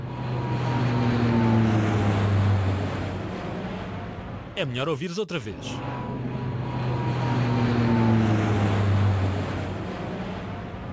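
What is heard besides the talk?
airplane passing overhead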